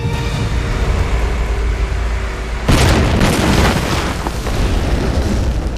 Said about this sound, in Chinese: 车上有炸弹，是二次触发型，再踩一脚刹车就会炸。